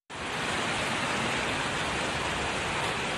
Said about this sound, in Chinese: 陕西省绥德县城区28日晚上遭遇了强对流天气，暴雨携着冰雹密集落下，部分区域路面积水与冰雹混杂